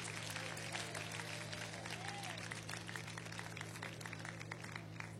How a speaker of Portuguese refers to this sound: Bem alegre, bem forte, aplausos para Cristo.